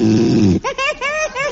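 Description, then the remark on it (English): A sleeping man gives a loud, rough snore lasting about half a second, a low rattling buzz, followed at once by a voice speaking in short bursts. “…, …, you said you wouldn't snore.”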